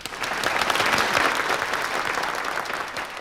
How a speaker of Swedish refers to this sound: får applåder